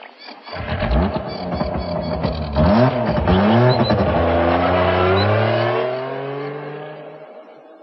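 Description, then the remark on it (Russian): A motorcycle engine revs up in several bursts, then pulls away and settles into a steady, droning ride before easing off and fading near the end. No one speaks. “Куликов остановил мотоцикл неподалеку от большого котла походной солдатской кухни”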